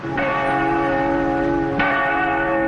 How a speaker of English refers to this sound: It might have rung out something like this. A one-ton bronze bell that first tolled in the mid-18th century marked major moments in early American history.